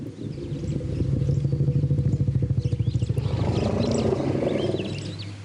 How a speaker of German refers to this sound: Forschende von der Colorado State Universität haben gerade in Bezug auf Elefanten erstaunliche Entdeckungen gemacht. Hier ruft ein Elefant einen anderen beim Namen.